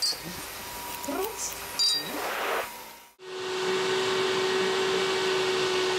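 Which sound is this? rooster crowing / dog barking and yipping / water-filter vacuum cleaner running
water-filter vacuum cleaner running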